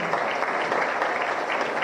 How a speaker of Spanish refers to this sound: Con este aplauso